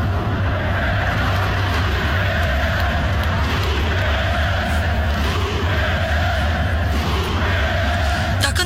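A dense crowd of Rapid football fans at the stadium in Giulești roars and chants together at a goal without a break, many voices merging into a loud, steady wall of sound with a low rumbling undertone.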